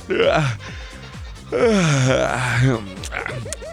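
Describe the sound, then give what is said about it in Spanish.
A person imitates a cat's yawn with two drawn-out, groaning yawns, the second longer and louder, voice sliding down in pitch, followed by a few short breathy vocal sounds. “No es que yo esté bostezando, es que los gatos a veces bostezan para poner fin a la confrontación con otro animal.”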